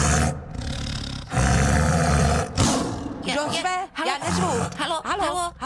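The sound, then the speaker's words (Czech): A tiger roars loudly in several long, rumbling bursts, then the roaring gives way to people talking over faint background noise. “Totiž tady řval pan tygr.”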